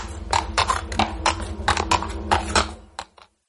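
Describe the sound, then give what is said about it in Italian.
Steady clip-clopping of donkey hooves, a brisk regular run of sharp knocks, fairly loud over a low background hum, stopping abruptly near the end. “La neve sopra di noi. L'asino sotto di noi.”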